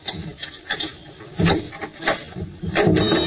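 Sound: door being opened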